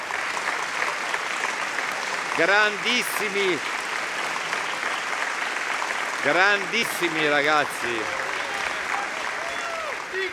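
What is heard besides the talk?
audience applause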